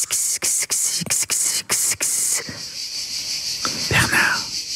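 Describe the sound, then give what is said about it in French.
Loud cicadas chirp in rapid rhythmic bursts, then settle into a steady shrill drone, with a brief murmur of voice near the end. “Et puis au sud de la France, moi, ça fait penser aux cigales, là.”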